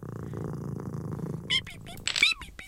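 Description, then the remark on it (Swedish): A steady cat purr while the cat is being petted rumbles low and continuous for about a second and a half, then gives way to a few short, high-pitched vocal sounds. “Klappa katten. Lilla katt, lilla katt.”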